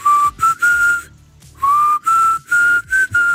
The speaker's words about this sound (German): Und ich garantiere euch, das könnt ihr auf der ganzen Welt machen. Ihr pfeift diese paar Tönchen hier. Ich hoffe, ich krieg's jetzt halbwegs hin.